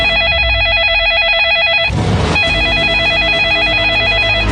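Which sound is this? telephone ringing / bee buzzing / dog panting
telephone ringing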